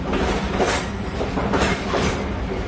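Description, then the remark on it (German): A train rattles steadily along the tracks at night, travelling from Rome northward with Benito Mussolini's presidential carriage attached; a dense continuous rumble with rhythmic clacking surges of the wheels, fairly loud, with no voices. “Ein Zug rattert in der Dunkelheit von Rom Richtung Norden.”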